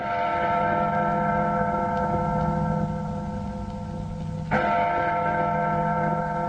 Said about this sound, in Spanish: Las campanas de la iglesia parroquial de Caibarín, puerto del norte de Cuba, no cesaban de tañer, como si dijeran el último adiós a uno de sus hijos más queridos, Manuel Álvarez Álvarez.